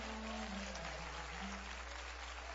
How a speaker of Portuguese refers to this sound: Pode aplaudir ao Senhor com mais alegria.